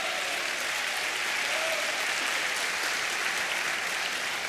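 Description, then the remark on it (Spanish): A crowd claps steadily for the Lord, a dense, continuous wash of many hands applauding at an even loudness for several seconds with no voices standing out. “Vamos, dele palmas al Señor, por favor. Aplauda al Cordero.”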